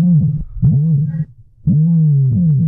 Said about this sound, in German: Das, liebe Inselradiohörer, ist der größte Vogel der Welt, der Strauß. Und die gibt es tatsächlich auch hier auf Mallorca, genauer gesagt auf der Straußenfarm Arte Strutz bei Campos.